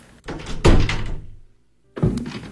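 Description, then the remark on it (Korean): A door creaks open as a girl in shabby clothes comes in, with a heavy thud partway through, a strained rasping drag, then a second solid knock as it settles. No voices. “문이 삐걱 열리며 허름한 옷을 입은 한 소녀가 얼굴을 반쯤 가린 채 들어.”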